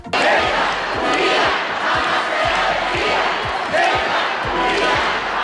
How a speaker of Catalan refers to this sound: Felip VI i Letícia han tingut, podem dir, una rebuda càlida per part dels veïns de Ceuta, eh? Sí, ha estat una visita còmoda. Milers de persones els esperaven als carrers entre aplaudiments i crits de reivindicació de la ciutat autònoma.